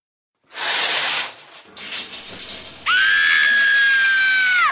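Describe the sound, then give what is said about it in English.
Shower water spraying in a loud burst of hissing, then a rougher stretch of splashing, followed by a long, steady high-pitched shriek or squeal that holds for about two seconds. The shower water is freezing cold. “Why is the water freezing? Cold showers are the worst.”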